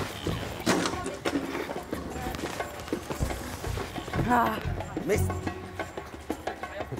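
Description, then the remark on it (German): Guanacos, wild South American camels, running as keepers on foot try to separate them: a scramble of irregular hoof thuds and scuffs on the ground, steady in loudness, with brief louder bursts and some rustling mixed in. “Die Guanacos könnten noch ewig so weiterrennen, im Gegensatz zu den zweibeinigen Verfolgern.”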